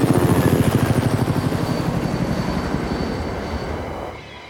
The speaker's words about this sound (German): hört plötzlich den Hubschrauber.